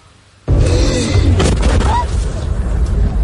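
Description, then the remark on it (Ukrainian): A sudden loud boom erupts after a brief quiet moment, followed by a sustained, rumbling roar with crackling bursts from artillery shells detonating at depots in the village of Myla near Kyiv, sending up a fireball; muffled voices may be faintly present beneath. “Вогняний гриб від детонації снарядів на складах у селищі Мила, неподалік Києва.”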